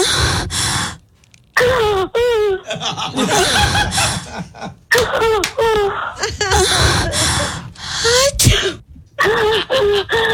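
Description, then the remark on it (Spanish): A sharp sneeze from someone with a cold bursts out amid a run of snickering, chuckling vocal sounds and breathy gasps, with short pauses between the outbursts. “Y ahí mismo como que alguien estornudó.”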